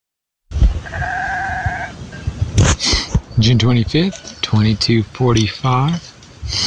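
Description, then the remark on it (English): A sheep gives one steady, wavering bleat, then a person starts talking in short bursts over faint outdoor background noise. At night, around 22:45 on June 25, the speaker is with a group of sheep in a big hollow, just below them on a flatter part. “Pretty quiet when the sheep is making noise.”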